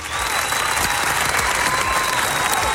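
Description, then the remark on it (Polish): An audience applauds a correct answer in a traffic-rules quiz, clapping steadily throughout, a dense, even wash of applause with no pauses, loud and continuous with a faint crowd murmur underneath. “A więc podwójne brawa.”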